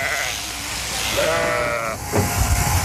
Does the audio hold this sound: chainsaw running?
no